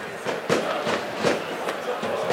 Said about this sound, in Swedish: Man hör också fyrverkerismällar. Jag tänker ni hör dem i bakgrunden, va?